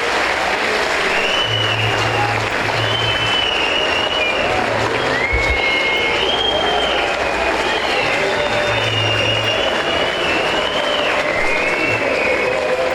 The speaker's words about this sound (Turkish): teknik ekibimize, futbolcu kardeşlerimize ve tüm çalışanlarımıza güçlü bir alkış göndermemizi rica ediyorum.